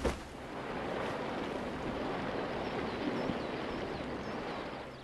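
A loud, steady roar of rushing floodwater surges downstream without pause, released as soldiers lift sandbags damming the river upstream. It is a dense, churning, powerful wash, with no voices.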